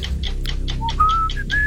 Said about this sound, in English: Whistling.